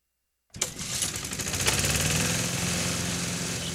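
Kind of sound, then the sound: machine, lawnmower engine running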